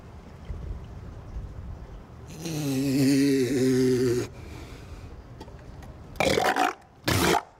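A low, droning snort-like groan is followed by two sharp, breathy sneezes in quick succession, loud, with no talking.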